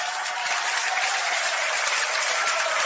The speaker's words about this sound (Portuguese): Mais forte as palmas misturado com glória a Deus.